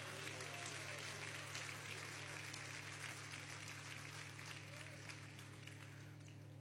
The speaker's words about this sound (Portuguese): Palmas que glorifica a Deus.